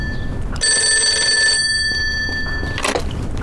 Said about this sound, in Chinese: 电话